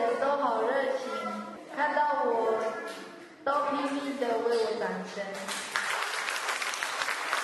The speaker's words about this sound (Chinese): 不要停，不要停，请持续亲爱的热情的掌声